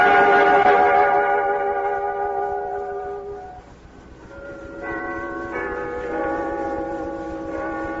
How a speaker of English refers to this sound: When Scrooge awoke, he was aware of a clock in a neighboring church striking the quarter. So he listened for the hour. Finally, it struck. 1 o'clock.